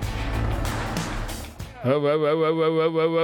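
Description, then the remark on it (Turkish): A 1950s crawler tractor tows an even older mower while mowing grass: a loud, rough mechanical clatter and rumble, then a steady, strongly tonal engine drone that wavers slightly in pitch. “1950'lerden kalma paletli traktörümüz ve daha da eski çim biçme makinemiz tam anlamıyla son teknoloji değil.”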